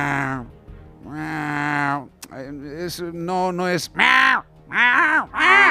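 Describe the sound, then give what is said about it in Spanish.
A person imitates a cat with loud, drawn-out meows, several long wailing calls in a row that bend up and down in pitch, with a brief bit of speech. “Sí, pero el maullido, cuando es así más arrastrado, ¿sabes?”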